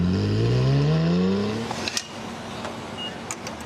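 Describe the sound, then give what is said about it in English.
A sports car engine revs loudly, its pitch climbing steadily for about two seconds before easing off into a rougher idle with a few sharp crackles and pops. No one speaks. “The state is home to luxury sedans and sports cars that would look at home on a racetrack.”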